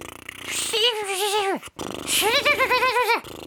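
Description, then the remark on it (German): Two voiced lip trills, air blown through loosened lips while hands wobble the cheeks, with a fluttering, horse-like rattle; each lasts about a second, wavering in pitch and sliding down at the end, separated by a short pause. “Also die Lippen mal locker lassen. Und dann mit den Händen noch an den Backen so wackeln, damit es noch locker.”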